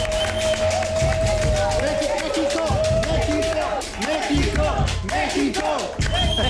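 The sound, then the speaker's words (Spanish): Loud, steady applause for Mexico's national team and its World Cup run, dense clapping running throughout with cheering voices and crowd noise mixed in, plus a sustained whistle-like tone near the start. “Sí, y la verdad es que este sueño mundialista merece que le demos unos aplausos a nuestra selección.”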